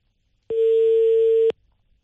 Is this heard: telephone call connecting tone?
yes